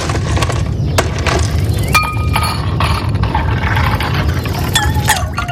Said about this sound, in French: Ah, des glaçons. oui, on en veut bien des glaçons.